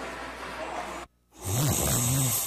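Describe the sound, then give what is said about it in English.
A person snores loudly, a deep rasping drone with a rising and falling pitch, after a brief moment of silence that follows a stretch of soft hiss. “It's snoring, aches and pains, or sleeping hot.”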